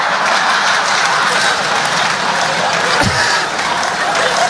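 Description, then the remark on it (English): Pills rattle steadily inside plastic bottles, a dense, loud, maraca-like shaking that continues without pause for several seconds, with brief bumps in intensity. “Sound like maracas around here.”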